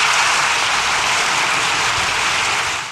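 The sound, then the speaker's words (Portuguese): A large crowd in the Spanish parliament applauds Pope Leo XIV after his speech, a dense, continuous wash of many hands clapping at once that stays loud and even throughout, fading slightly at the very end. No one speaks. “Em discurso no parlamento espanhol, o Papa Leão XIV diz que o mundo está em profunda crise, pede fim das guerras que devastam o planeta e é aplaudido por 7 minutos.”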